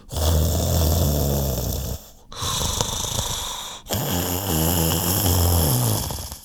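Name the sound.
loud snoring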